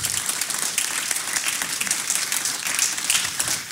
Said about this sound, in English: So thank you all so much for being here. Let's give a round of applause.